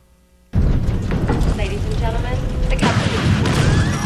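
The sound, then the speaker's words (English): A plane crash sound effect: after a brief silence, a sudden loud roaring crash bursts in and rumbles on steadily, with wavering whine-like tones and crackling debris running through it. “I don't know, this is just a little sound bite I could press called Plane Crash.”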